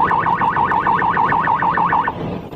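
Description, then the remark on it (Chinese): A rapid wailing siren on a police car speeding on the Wusu–Kuitun section of the Lianhuo Expressway in Xinjiang, China, around 7 pm on March 28, oscillates quickly up and down in pitch, looping about ten times in fast, even cycles before cutting off, loud and steady with road noise underneath. “3月28日晚上7点左右，一辆警车急速行驶在连霍高速新疆乌奎段。”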